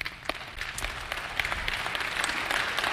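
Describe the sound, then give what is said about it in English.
An audience claps steadily, dense overlapping hand claps forming a sustained wash of applause at moderate loudness with no voices. “I hope you're clapping when we get to the words to the rich.”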